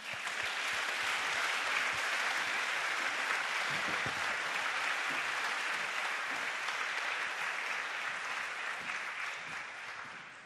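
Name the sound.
audience applause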